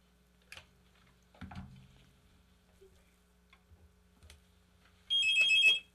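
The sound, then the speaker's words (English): A short burst of telephone ringing, a bright trilling electronic ring near the end after a few soft clicks and thumps. It is fairly loud, with no talking. “All right, phone.”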